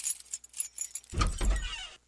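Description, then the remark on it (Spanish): Keys jangle in quick bright metallic clinks, then the front door of a house opens with a heavier low thump and rattle before the sound cuts off. “Hay sonidos que lo cambian todo. ¡Wow! Como el de una puerta que se abre.”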